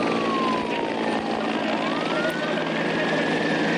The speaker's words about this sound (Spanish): A Punta Carnero, zona forestal, llegó el estruendo de los helicópteros del Infoca mezclado con las sirenas que se escuchaban por la ciudad.